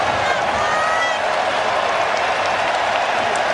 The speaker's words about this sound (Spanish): Se marcha McKenny, aplaudido, ovacionado por el público, y va a entrar Gio Reyna.